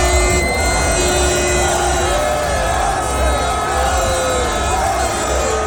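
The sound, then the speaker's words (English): A large crowd of Arsenal fans lining the streets of North London for an open-top bus parade cheers and shouts in a loud, steady roar, many voices blending into one continuous wash of noise, with sustained shrill tones threaded through it. “Arsenal are putting their Champions League disappointment behind them as fans line the streets of North London for an open-top bus parade.”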